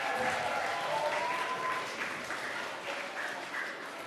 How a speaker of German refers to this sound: Einen kräftigen Applaus für die Goldabzeichen.